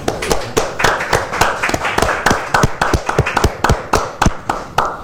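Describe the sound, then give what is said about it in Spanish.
A small group applauds a painter from Tomé at the close of an edition of the program Semblanzas, with many sharp, distinct hand claps in a quick, uneven rhythm continuing steadily for several seconds, fairly loud and with no voices. “Un aplauso para el destacado pintor tomecino quien nos acompañó en esta edición.”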